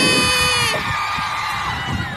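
A loud crowd at the Teletón cheers and claps, with shrill, high-pitched screams and whoops rising over a steady wash of applause that holds for the whole stretch.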